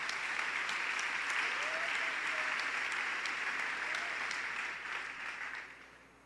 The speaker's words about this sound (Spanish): Así que voy a pedirle que la recibamos con aplausos en esta mañana.